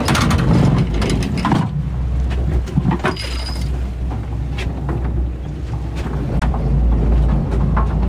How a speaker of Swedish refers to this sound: Nu åker linan ut. Hur lång lina har du? Cirka 75 meter. Ja, det är ganska mycket av den som är ute nu.